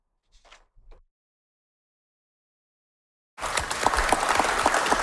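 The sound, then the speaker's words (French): After a couple of faint brief sounds and a stretch of silence, loud sustained applause breaks out suddenly as Canadian Prime Minister Mark Carney arrives in the Arctic village of Kujawak, a dense crackle of many hands clapping that continues to the end. “À son arrivée à Kujawak, Mark Carney a été applaudi.”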